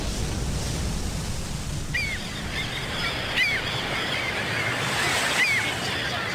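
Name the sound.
ocean waves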